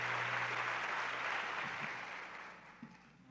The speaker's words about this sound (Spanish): Muchas gracias por sus aplausos para ellos.